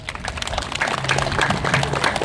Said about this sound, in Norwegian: Vi gir en applaus til den loven.